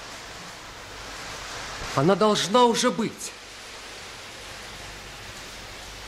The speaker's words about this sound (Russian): Какой дождь!